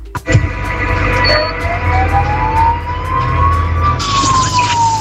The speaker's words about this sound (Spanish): Adrián L te pone la sirena de la ambulancia.